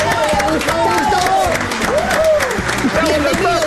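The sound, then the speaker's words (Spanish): Loud, sustained applause from a crowd fills the whole stretch, dense clapping mixed with cheering and a few raised voices, steady from start to finish, welcoming a guest on a radio program. “Y lo recibimos con un fuerte aplauso.”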